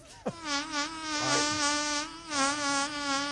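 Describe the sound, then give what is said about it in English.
A drawn-out fart sound effect with a steady, raspy buzz that holds one pitch for about three seconds, starting with a quick sliding blip and wavering slightly in loudness. “All right, big fart on Nard.”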